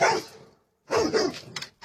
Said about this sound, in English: Have we got the dog? Have we got the dog? We've got the secret hound.